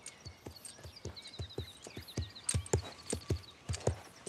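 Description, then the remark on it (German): Steady clip-clop of a horse being led out on foot, walking with a loose stride on a hard surface, regular hoofbeats, with faint bird chirps in the background. “Ja, also der Schritt ist ja auch schon wesentlich gelöster. Wunderbar. Geh ruhig noch mal ein paar Schritte mit ihr.”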